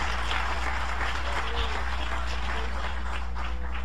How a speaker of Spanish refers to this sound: Dale un aplauso de alabanza al Todopoderoso. Alabado sea el nombre de Jesús.